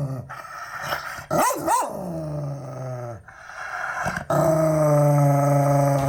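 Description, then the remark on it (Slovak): Loud dog barks from three different dog breeds, one of them a pit bull, a few sharp yelps and barks early on, then a deep sustained growling bark filling the final seconds, with no talking. “A práve preto sa hráme ešte aj hru, kde vám púšťam štekania troch plemien a vy sa snažíte uhádnuť, ktoré z tých troch plemien patrí Pitbullovi.”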